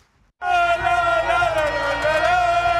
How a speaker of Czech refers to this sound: Po závěrečném hvizdu propukly davy na náměstích španělských měst Viasot. Lidé se objímali, křičeli, tančili a zpívali.